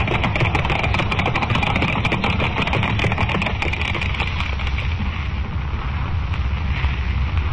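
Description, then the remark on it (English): Thundering hoofbeats of six runaway white horses pulling a swaying silver carriage along a crowd-lined street, a dense, rapid clatter over a heavy, continuous rumble, loud throughout, with the sharp hits thinning out in the second half. No one speaks. “Thundering hoofbeats echo through the crowd-lined street as the six white horses, suddenly gone wild, carry the swaying silver carriage to almost certain doom, while the thousands of people who only a moment ago were cheering wildly look on aghast.”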